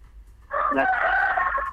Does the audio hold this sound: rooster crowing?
yes